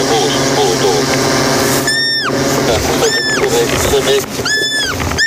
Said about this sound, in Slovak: Prejdeme ešte pár metrov, dronista navedie, kam presne položiť podberák a už počujeme piskot srnčaťa.